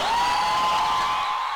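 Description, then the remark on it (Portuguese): A short burst of applause and cheering, dense steady clapping with a sustained high whoop running through it, loud throughout and easing off slightly at the end. No talking. “Uma salva de palmas pra você.”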